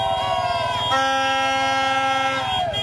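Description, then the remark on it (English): Many car horns blare together in long, overlapping honks of different pitches, a loud continuous din with a low rumble of crowd noise underneath, from Mexican football fans outside the hotel where the English team was staying. “That was all the Mexican fans outside of the hotel where the English were staying.”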